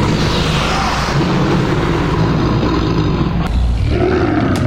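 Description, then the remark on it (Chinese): A tiger's deep, rumbling roar, loud and sustained for several seconds, swelling into a rougher growling surge toward the end, with no voices. “拢同款，还阁有听这虎牙的这声音呢，吼、哦！”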